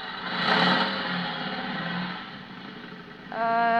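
A motorcycle engine revs loudly, its rough mechanical roar rising and falling, then climbing sharply into a higher-pitched whine near the end.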